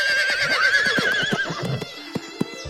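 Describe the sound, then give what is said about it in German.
A horse being ridden lets out a loud, quavering whinny that fades after about a second and a half, while hooves clip-clop steadily underneath, the hoofbeats continuing alone near the end. “Ich musste mich zur Feder auf sein Pferd setzen und wir ritten los.”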